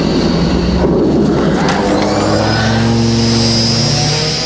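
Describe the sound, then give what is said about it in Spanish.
Steady, loud road traffic with engines droning and rising, one motor revving as cars pass, a continuous rumbling wash of vehicle noise with no talking. “Demasiado tránsito, tardaremos horas en llegar.”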